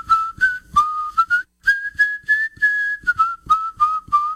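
A person whistles a lively tune, clear pure notes in quick phrases with a short pause partway through, held steady around one pitch with small rises and dips.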